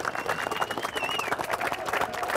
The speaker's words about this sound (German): Jubel!